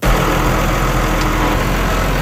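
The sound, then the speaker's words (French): A vegetable farmer's diesel tractor engine idles steadily, a loud, constant low rumble with a gritty mechanical rattle throughout, no voices present. “Le tracteur qui est derrière moi, c'est comme 200 piastres de plus pour le remplir”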